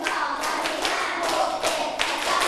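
Hands clap ten times in a steady, fairly quick rhythm while counting, each clap a sharp slap over a faint background hum, with no talking.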